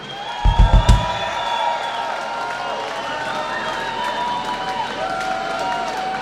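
A crowd applauds and cheers steadily with dense, sustained clapping and some whistling, after a few low thumps at the start.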